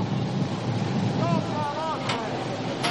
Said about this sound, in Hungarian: Hát a búvár elöltözködik, és a híd felől fúj a szél.